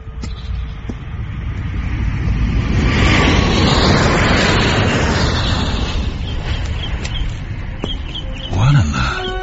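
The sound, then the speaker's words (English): An airplane on its way to the airport passes directly over the grounds, its broad engine roar swelling to a peak and then slowly fading into a steady rumble, with a brief voice at the very end. “Does it always fly directly over the grounds?”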